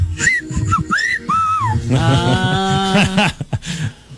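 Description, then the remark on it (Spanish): Several short whistles slide up and down, followed by a longer, buzzy sustained whistle-like tone, all loud with no talking. “todos los indios al unísono chiflaron.”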